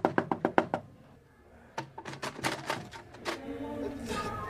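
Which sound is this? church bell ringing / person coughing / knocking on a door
knocking on a door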